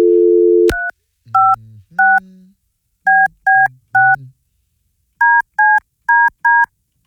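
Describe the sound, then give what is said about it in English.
A brief steady dial tone cuts off with a click, followed by a string of short, loud touch-tone beeps in uneven clusters as a phone number is keyed in on a telephone. “I got to call the the Bone Bat Phone.”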